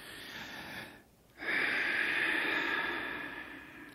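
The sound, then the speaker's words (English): A patient draws a deep, audible breath during a medical examination in a doctor's office, pauses briefly, then pushes out a long, loud, hissing exhale, with no talking. “another breath.”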